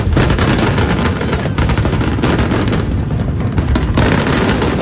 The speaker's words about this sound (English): The night capped off with a spectacular fireworks display.